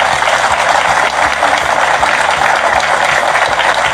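A crowd claps steadily and loudly for several seconds, a dense, continuous wash of many hands applauding together with no one speaking over it.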